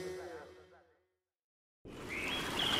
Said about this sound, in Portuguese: Feche os olhos. Está a ouvir? Não é apenas o canto dos pássaros. É o som do amanhecer na Amazónia.